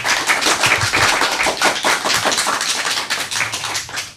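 A crowd claps steadily, many hands overlapping into a dense, crackling patter that stays loud and even for the full few seconds, with no voices over it.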